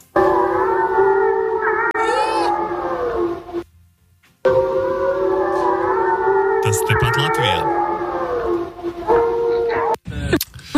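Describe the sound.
Several wolves in Latvia howl together in long, sustained, wavering tones that overlap in a chorus, briefly pausing before resuming, in a recording posted by Latvijas valsts meži on Instagram; a person speaks a few words near the end.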